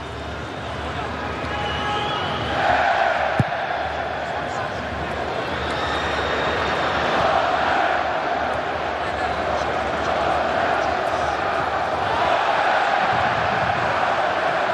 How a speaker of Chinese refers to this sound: 现场多位球迷再度开始了整齐划一的围巾战吼。